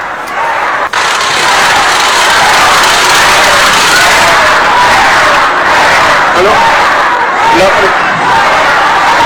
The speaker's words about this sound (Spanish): El evento se llamaba Honestidad y Resultados y se encontró con un grupo de asistentes que le gritaron de esta manera, que la abucharon.